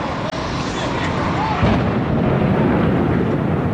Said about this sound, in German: Um 8.46 Uhr Ortszeit schlägt ein Flugzeug mitten in den Nordturm des World Trade Centers im Finanzzentrum von New York City ein.